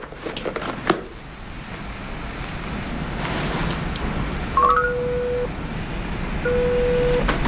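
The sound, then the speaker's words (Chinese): A few quick rising dial beeps as someone phones a man, then two long, steady ringing tones with a pause between, heard over a constant low rumbling background noise. No one speaks. “要不然我给他打一个吧。”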